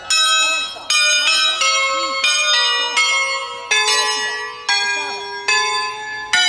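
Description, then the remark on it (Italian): Church bells ring out loudly from a bell tower that holds 12 bells, a new strike roughly every second overlapping the lingering, shimmering tones of the ones before, with no voices. “ne ha peraltro 12 proprio in questo campanile sopra di me.”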